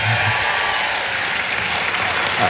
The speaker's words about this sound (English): A cheer. Come on.